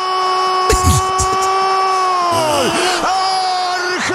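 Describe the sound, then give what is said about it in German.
A Spanish-language football commentator holds one long, loud goal scream for the entire stretch, his voice wavering and dipping in pitch a couple of times without breaking, with crowd noise roaring faintly underneath. “Er schreit immer noch.”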